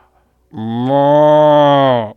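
A single long, loud cow moo, steady in pitch, lasting about a second and a half before cutting off, with silence around it.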